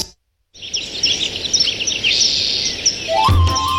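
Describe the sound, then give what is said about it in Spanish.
A busy chorus of small birds chirping and trilling continuously, with overlapping high-pitched calls and a brief low thump near the end. “ven a escuchar qué bonito cantan los pajaritos.”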